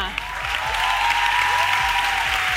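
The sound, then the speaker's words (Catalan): A crowd claps steadily in sustained applause, dense and loud throughout, with no pauses and no voices standing out above the clatter of hands. “Així que un aplaudiment”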